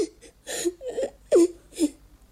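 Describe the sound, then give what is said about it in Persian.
A child cries in a series of short, broken sobs and whimpers, each burst rising and falling in pitch, fairly loud with brief catches of breath between. “به تو چی شد؟ چرا گریه میکنی؟”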